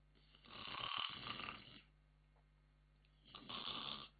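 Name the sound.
imitated snoring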